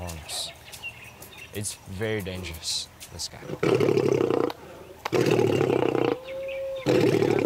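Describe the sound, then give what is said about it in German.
A person talks briefly, then a lion lets out three loud, close, rough roars in quick succession, each a sustained rumbling burst separated by short pauses. “Also dieser Löwe ist also anscheinend der aggressivste.”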